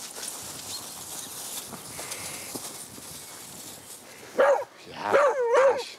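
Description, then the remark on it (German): A dog lets out a few sharp barks near the end while someone plays with it: one quick bark, then a short excited run of two or three, over a steady background of shuffling and light thumps. “Und jetzt spielst du mit dem Hund.”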